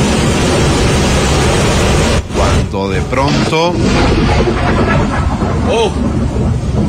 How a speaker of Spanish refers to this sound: A ver, permítame ponerles el audio, más o menos, porque hay truenos, ¿no? Están en medio de una tormenta. Es increíble. A ver. Ahí están, ellos. Lo que escuchan es la tormenta.